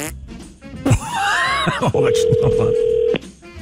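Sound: outgoing phone call ringing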